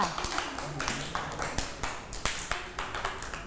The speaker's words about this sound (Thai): เพื่อนๆนะคะได้นำภาพมาติดได้ถูกต้องเลยเด็กๆปรบมือให้เพื่อนๆด้วยค่ะ